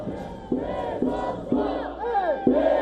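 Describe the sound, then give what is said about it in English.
A large crowd of over 6,000 voters protesting outside a vote counting center in Seoul, demanding a rerun of local elections, chants a slogan in unison while holding placards reading "Election Rerun", loud voices rising and falling in a steady rhythm, with a fresh shouted syllable about every half second. “Over 6,000 voters held a protest outside a vote counting center in Seoul. People chanted and held up placards with the slogan "Election Rerun."”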